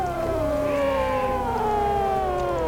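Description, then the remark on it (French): Arctic pack ice singing as it cracks and moves: eerie, sustained layered tones that slowly slide downward in pitch and waver, with a brief higher warble in the middle, over a low rumble and no talking. “Là-bas, la banquise craque, elle bouge et parfois... elle chante d'étonnantes mélodies.”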